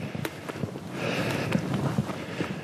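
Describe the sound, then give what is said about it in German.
Footsteps crunch along rough ground on a mountain ridge at an uneven walking pace, a handful of crisp steps over a steady rush of whistling wind. No one speaks. “Ich laufe hier auf dem Grat.”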